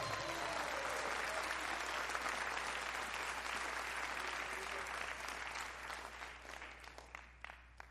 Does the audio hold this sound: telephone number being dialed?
no